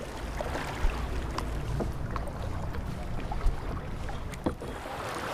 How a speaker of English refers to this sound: The participants also paddle out to a little paradise on the river.